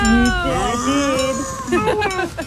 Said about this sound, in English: I heard a moo. Yes, our big, beautiful Bessie the cow.